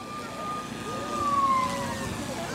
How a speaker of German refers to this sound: Ah, ganz leise, okay. Das Martinshorn.